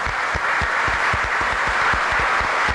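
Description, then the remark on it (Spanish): An audience applauds steadily in thanks to the Emaús group, a dense wash of many hands clapping with a few sharper claps standing out in an irregular rhythm, loud and sustained throughout with no talking. “Igualmente al grupo de Emaús que nos ha acompañado, nuestro aplauso y agradecimiento por ellos.”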